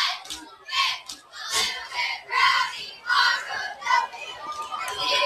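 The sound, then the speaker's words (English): Mount Vernon cheerleaders at a football game chant a classic cheer in rhythmic bursts, with a few claps mixed in and crowd chatter underneath. “Classic cheer by the Mount Vernon. We got a lot of cheerleaders.”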